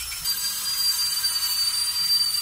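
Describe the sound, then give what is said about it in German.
A dental drill at the dental clinic in Halle, during its open day, whirs steadily, a thin high-pitched whine riding over a bright, airy hiss that runs unbroken for the whole stretch, with no one talking. “Und damit der Bohrer gar nicht erst zum Einsatz kommt, sind im Foyer der Hallischen Zahnklinik verschiedene Stationen aufgebaut.”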